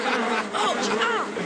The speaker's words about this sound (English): The wasps are turning. We best beat a hasty retreat or we'll end up as food for the wasps ourselves.